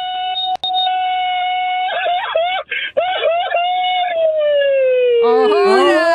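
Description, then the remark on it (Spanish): A man lets out a long, loud mariachi-style grito, a sustained high yell broken by quick warbling trills and ending in a drawn-out falling wail, unaccompanied. “échate un grito mariachero, papá.”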